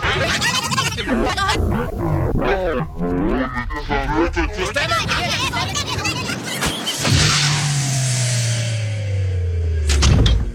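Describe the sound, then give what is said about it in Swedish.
A door creaks open with a long, drawn-out groan that slides slowly downward in pitch, following a busy stretch of overlapping voices and sound snippets. “Där öppnar vi dörren till det stora radioarkivet här på Sveriges Radio, som ju ligger på Gärdet i Stockholm, har legat här sedan början av 60-talet faktiskt.”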